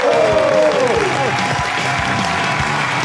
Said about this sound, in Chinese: 那我们接下来请上我们今天嘉宾，影视演员也是著名的主持人苗博老师，掌声有请。